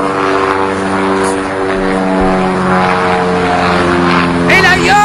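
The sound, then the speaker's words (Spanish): A twin-engine light propeller plane's engines drone steadily and loudly throughout, a thick buzzing hum with a rough pulsing edge, while a voice briefly cuts in near the end. “La avioneta bimotor.”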